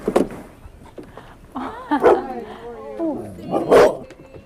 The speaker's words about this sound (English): And there's a dog.